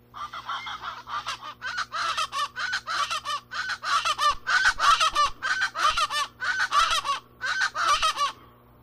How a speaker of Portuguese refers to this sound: Você já sabe de quem é o canto? Quem disse que é o aracuã guarda-faca acertou. O seu nome científico é Hortalis remota e pertence à família Crassidae.